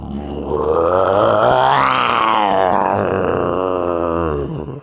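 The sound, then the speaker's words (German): A man imitates a lion's roar with one long, loud, growling vocal sound that rises in pitch toward the middle and then falls away, rough and throaty, with no other talk. “Kannst du einen Löwen nachmachen?”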